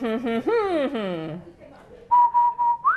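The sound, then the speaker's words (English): A person whistles a steady, clear note that bends upward at the end, following a brief stretch of voiced, hum-like vocalizing. “Good whistling”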